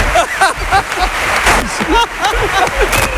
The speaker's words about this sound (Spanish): Es que me he fijado que estabas aplaudiendo ahora mucho, tú también. Estaban aplaudiendo ahí yo y tú estabas aplaudiendo más que nadie.